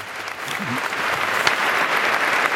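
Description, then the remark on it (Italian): Sustained applause from a large crowd after the welcome address to the Pope by the Cardinal Archbishop of Barcelona, Omella, a dense, steady wash of clapping at fairly loud level that holds evenly throughout, with faint murmuring voices in the background. “E sentiamo gli applausi dopo quello che è stato l'indirizzo di saluto del cardinale arcivescovo di Barcellona, Omella Omella, che in questo momento ha stretto la mano al Papa, che si è alzato e ora si è rimesso a sedere.”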